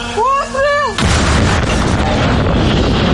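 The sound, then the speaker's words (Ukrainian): A voice calls out briefly, then an artillery gun, readied by cadet artillerymen at a firing position, fires a single loud shot whose deep blast rolls on and echoes for a couple of seconds afterward. “Курсанти-артилеристи злагоджено готують гармату на вогневій позиції. Гармата!”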